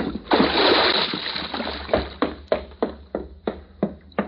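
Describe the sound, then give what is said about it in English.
A heavy body plunges into water with a big, broad splash, followed by a series of regular sloshing slaps as the water churns and laps, with no talking. “The water's gonna be cold.”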